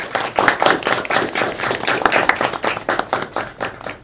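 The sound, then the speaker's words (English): An audience of the top 20 finalists of a Deakin initiative applauds themselves steadily, many hands clapping in a dense, continuous patter for several seconds, fairly loud with no talking over it. “So let's begin with giving yourselves a huge round of applause.”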